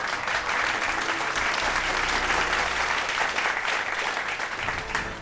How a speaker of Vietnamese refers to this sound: Xin một tràng pháo tay.